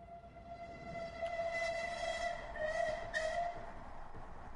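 A train travelling across London rumbles steadily along over a low, noisy background while a sustained whistle-like tone sounds and swells a few times, fairly loud and continuous, with no voices.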